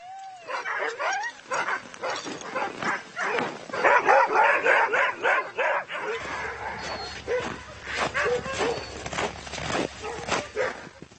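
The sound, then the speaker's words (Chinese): A pack of excited sled dogs barks and yips continuously in the morning before setting off on a journey, overlapping, with high whines mixed in; partway through a low rumbling hum joins underneath the chorus. “今天早上所有狗都很高兴，他们肯定感觉到这是个重大的离别时刻。”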